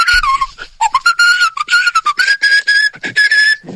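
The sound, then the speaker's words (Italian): A person whistles a lively, warbling tune as an entry in a whistling contest, with quick trills and short breaks between bright, piercing phrases, heard on its own without any talking. “Allora, nel frattempo ci è arrivato un altro fischio per la gara di fischi.”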